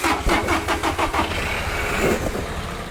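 A car engine cranks over with a rapid series of starter pulses, then catches and settles into a steady idle rumble. No one speaks.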